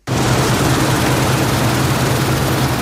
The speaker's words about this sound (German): Schaut rüber zum Mähdrescher, der zu retten versucht, was teilweise nicht mehr zu retten ist. Gerste und Weizen wurden viel zu früh reif.